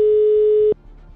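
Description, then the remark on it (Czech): A telephone ringback tone after dialing: one steady, clear electronic beep lasting under a second, then it cuts off into quiet line hiss. No one speaks. “Ale snad zvoníme správně.”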